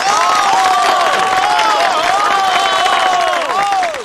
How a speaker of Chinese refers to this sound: 下面我提议，我们大家以热烈的掌声感谢我们的嫂子们。